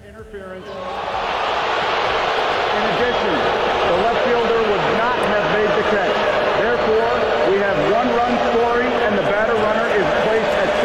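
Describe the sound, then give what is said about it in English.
A large baseball stadium crowd roars steadily after a brief quiet start, reacting to a fan interference call, a dense wash of many overlapping voices cheering and shouting that stays loud and sustained throughout. “Okay, now you hear the crowd reaction, yeah.”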